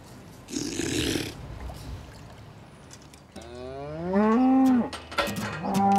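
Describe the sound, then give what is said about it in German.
A cow lets out one long, loud moo, its pitch sliding downward, after a brief noisy rustle and some quiet background sounds. “Eine Kuh, die mehr kann, ist nützlich.”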